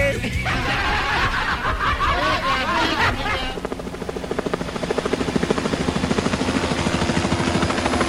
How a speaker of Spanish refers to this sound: Nosotros tenemos nuestro propio helicóptero.